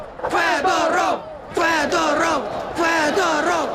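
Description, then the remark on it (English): A large crowd of young Ukrainians in a square in Kyiv chants in unison, three loud, rhythmic bursts of shouted syllables with brief pauses between, voices blending into a dense, echoing roar. They chant the ousted minister Fedorov's name and "shame" over his sacking. “The Kyiv square echoing to the sound of the ousted minister's name. Shame, shame, they chant.”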